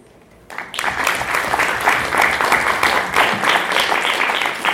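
A crowd breaks into steady applause after a speaker's presentation ends and a brief quiet moment, a dense, sustained patter of many hands clapping that continues without fading.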